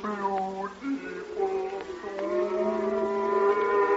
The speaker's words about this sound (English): Oh, dear. It's only the cows. They're driving them home now.